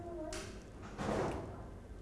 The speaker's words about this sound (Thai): เห็นไหมคะใช้มือรองผู้กันไว้แล้วเคาะสลัดสีออกไป